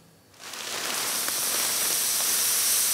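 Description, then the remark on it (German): A brewing machine at the Union Brauerei in Bremen mixes crushed malt with warm water to prepare the mash for a pale beer, the first step of brewing: a steady, broad rushing hiss like pouring or spraying water that rises from near silence after a moment and holds evenly, with no talking. “Dabei vermischt die Maschine geschrotetes Malz mit warmem Wasser.”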